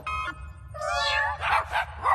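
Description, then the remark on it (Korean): A cat meows several times: a short mew, then a longer drawn-out wavering meow, followed by a few rougher, breathier cries over a low steady background hum. “야옹 소리는 멍멍 소리로 바뀌어봐.”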